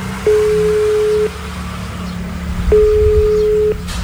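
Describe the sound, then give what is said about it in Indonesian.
A steady electronic ringback tone from a phone call placed on loudspeaker repeats twice, each burst about a second long with a pause between, heard through the phone speaker over low background hum. “Coba tak bele wae yo, Mas yo. Tak loudspeaker iki.”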